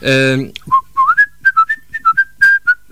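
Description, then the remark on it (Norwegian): A brief sung note, an A, gives way to someone whistling a quick, lilting tune, a string of short, clear notes rising and falling in a bouncy rhythm. “Det jeg skrev, det var at jeg kan plystre på sine høner tostem.”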